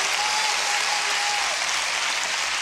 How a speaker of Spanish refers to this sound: Oh, denle un aplauso fuerte hasta que se te caliente las manos. Aleluya.